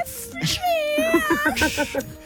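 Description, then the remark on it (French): A person on Chérie FM radio voices a drawn-out, whiny imitation of a cat meow, a single wavering mewl that rises and falls in pitch, followed by a few short, breathy vocal sounds. “Gros bisou, tu nous referais le petit chat, vas-y.”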